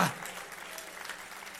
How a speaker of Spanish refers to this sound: Denle un aplauso fuerte a Dios. ¡Le alaba, iglesia!